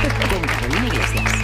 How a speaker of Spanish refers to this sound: Un aplauso para ella